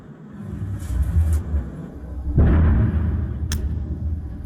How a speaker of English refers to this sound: Okay, what's that you can hear? Very quickly, that is some sort of missile.